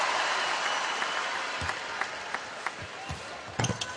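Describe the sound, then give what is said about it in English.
A packed hometown sellout arena crowd at a basketball game between the Fever and the Liberty roars and cheers in a steady, dense wash of noise, broken by a few sharp, punchy thuds near the end. “But listen to the hometown sellout crowd.”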